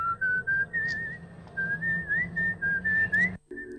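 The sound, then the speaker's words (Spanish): The tune from a 1969 British horror film, whistled clearly, a bright melodic line of held notes with little upward slides, steady and unaccompanied, breaking off abruptly just before the end. “De ahí viene el silbido.”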